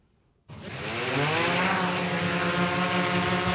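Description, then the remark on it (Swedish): After a brief silence, a loud, steady, high-pitched mechanical buzz starts abruptly and holds as a drone's propellers whir, with no voices. The drone is meant to help healthcare by carrying lab samples for Region Jämtland Härjedalen, Sweden. “Först om en drönare som ska kunna underlätta för vården.”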